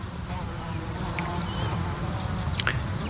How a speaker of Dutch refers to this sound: Ook veel vlinders die daar fourageren, maar het zijn natuurlijk de bijen die zich laten horen.